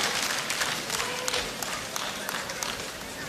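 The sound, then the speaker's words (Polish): A crowd applauds steadily, many hands clapping in a dense, continuous patter that fills the space, with no single voice standing out. “Dziękuję bardzo. Za wasze wsparcie i oklaski.”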